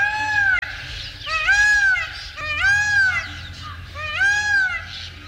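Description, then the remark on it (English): A blue peacock calls three times in a row, each a loud, high, nasal wail that rises and falls like a drawn-out meow, over a low background rumble. “You can admire the fabulous plumage of the males at close range, or see and hear a blue peacock on video at our website, birdnote.org.”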